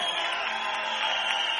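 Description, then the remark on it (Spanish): A crowd claps loudly and steadily for Christ in a dense, continuous wash of applause that holds the same strong level from start to finish, with no voices rising above it. “Aplauden fuerte a Cristo.”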